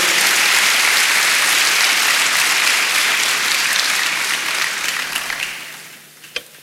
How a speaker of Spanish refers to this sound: Dale un aplauso al Señor, hermanos. No se quede ahí.